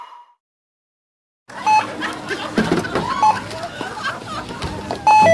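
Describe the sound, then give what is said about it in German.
Short electronic checkout beeps sound a few times over busy store background noise with murmuring voices, ending in a louder, longer two-tone alarm beep near the close: the youth-protection age-verification alarm for alcoholic drinks and cigarettes. “Der Alarmton bei alkoholischen Getränken und Zigaretten, Jugendschutz.”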